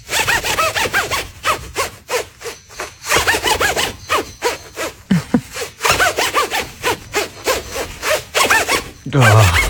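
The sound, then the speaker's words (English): A jacket zipper is yanked up and down again and again in quick, rasping strokes, loud, with a steady back-and-forth rhythm and brief pauses between bursts. “You must go through some amount of jackets. Yeah, or strong zips.”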